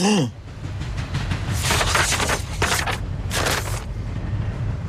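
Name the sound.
train departing from station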